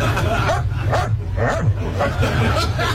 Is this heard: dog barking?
yes